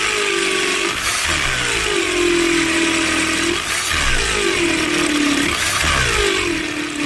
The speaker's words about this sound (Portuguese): Essa furadeira aí é do Jason, hein?